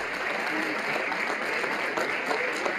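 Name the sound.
applause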